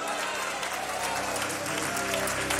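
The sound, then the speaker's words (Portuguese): An audience at a religious gathering claps steadily, loudly and joyfully to welcome a preacher heard nightly on Rádio Deus e Amor, a dense wash of many hands with some crowd noise and voices mixed underneath. “Vamos receber o servo de Deus com palmas bem alegres para Jesus!”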